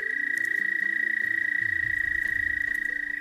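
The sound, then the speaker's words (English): An American toad's breeding trill, a signature sound of spring in the breeding season, rings out as one long, steady, high-pitched musical note that holds unbroken throughout, loud, over faint low rumbling in the background. “this time of year is the breeding season for American toads”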